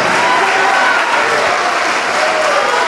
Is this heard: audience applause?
yes